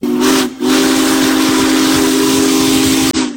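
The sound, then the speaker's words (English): A loud whistle from Union Pacific Big Boy 4014, one of the largest steam locomotives ever built, blows in a sustained tone, briefly dipping near the start, layered over a broad rushing hiss of escaping steam as it rolls through Nebraska; no one speaks. “One of the largest steam locomotives ever built rolls through Nebraska, drawing crowds of rail fans, farmers, and families trackside to see Union Pacific Big Boy 4014.”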